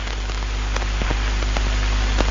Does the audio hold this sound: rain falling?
yes